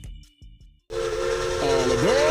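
A few low chuffs give way to a loud burst of hissing steam as a steam train whistle blows a sustained chord, dipping in pitch near the end.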